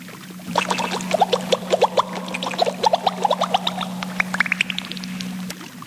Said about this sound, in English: What was that? Did you hear a splash? Maybe someone just flushed their toilet.